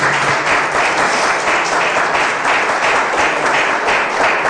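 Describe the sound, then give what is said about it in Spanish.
An audience breaks into sustained, loud applause, many hands clapping in a dense, steady wash of sound with no break, lasting the whole stretch. “Dele ese poderoso aplauso.”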